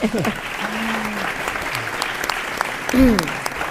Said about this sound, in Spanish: Un aplausito.